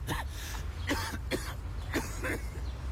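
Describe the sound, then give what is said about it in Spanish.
A person coughs repeatedly in a fit of about five harsh bursts at uneven intervals during a radio advertisement for Buxol cough medicine, with a steady low rumble of background noise underneath and no speech. “Por más historias sin tos, Buxol adulto, indicado para el alivio de la tos con flema.”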